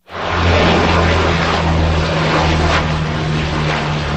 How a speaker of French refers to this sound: La lutte contre le feu vient entre autres du ciel. Des avions, dont des canadaires, effectuent des largages sur de larges zones.